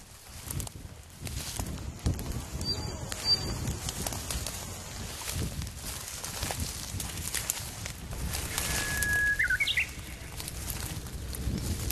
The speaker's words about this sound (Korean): 굉장히 그 이쁜 새 소리가 네. 멀찍이서 들리는데 네네. 휘파람새라는 소리. 휘파람새.